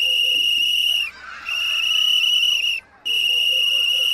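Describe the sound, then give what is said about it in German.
A firefighter's whistle blows three long, shrill, steady blasts separated by brief pauses, loud, with no one speaking. It is a distress signal telling other firefighters that the one whistling is in danger and needs their help. “Wenn ich zum Beispiel so pfeife, also ein paar Mal einen langen, hohen Ton, dann wissen alle anderen Feuerwehrleute, dass ich selbst in Gefahr bin und Hilfe von den anderen Feuerwehrleuten brauche.”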